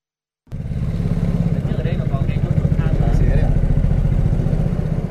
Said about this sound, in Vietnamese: Mất vài phút đi xuồng máy ra khu vực lòng hồ thủy điện Hòa Bình